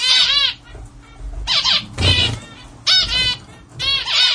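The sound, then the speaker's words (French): A zebra finch, a small colourful Indonesian bird with an orange beak, sings a series of short, buzzy, harmonic song bursts, about four repetitive phrases with brief pauses, fairly loud with no talking. “Le diamant mandarin, c'est un petit oiseau indonésien, coloré, au bec orange et surtout, il chante beaucoup, d'un chant assez répétitif et stable pour pouvoir l'étudier.”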